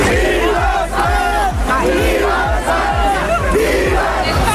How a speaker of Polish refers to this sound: Wczorajszy wieczór i cała noc należały do Hiszpanii, która w finale mundialu była lepsza od Argentyny po dogrywce 1-0. Zaraz po ostatnim gwizdku w Nowym Jorku zaczęło się wielkie świętowanie.